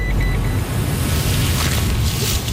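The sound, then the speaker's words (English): A steady, loud low-end engine rumble of a truck driving off to a walking track on Mount Victoria, with a continuous droning hum filling the whole stretch and no voices. “She loads everything into the truck and we head off to a walking track on Mount Victoria, which is an area covered under phase two.”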